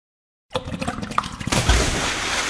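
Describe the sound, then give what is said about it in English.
After a brief silence, clattering and sloshing give way to a sudden, loud rush of water gushing up from a backed-up drain, a dense steady surge that keeps pouring. “One clogged drain, one heavy rainstorm. That's all it takes. Water backup doesn't knock, it invades, destroying floors, documents, computers, office space.”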